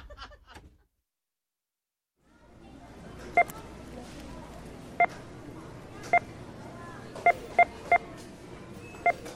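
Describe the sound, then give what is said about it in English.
Seven short, sharp electronic beeps, each representing $100,000 of goods bought in America, sound at uneven intervals, loud, over a steady bed of low background noise after a brief silence. “We're representing American consumption as beeps. Whenever you hear one, it means $100,000 of stuff was just bought in America.”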